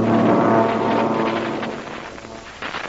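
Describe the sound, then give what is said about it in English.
A loud, droning engine roar of a couple of American fighter planes peeling off and diving overhead toward a patrol boat for a look, steady, easing slightly before swelling again near the end, with no voices. “A couple of fighter planes are peeling off. They're coming down here for a look-see.”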